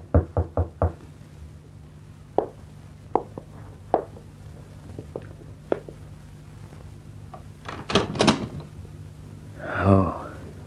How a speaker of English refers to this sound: When that knock came at the door, Bill Maddox tensed.